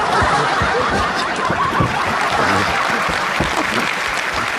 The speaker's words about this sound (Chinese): 谢谢大家的掌声，你们掌声